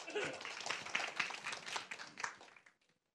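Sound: audience applause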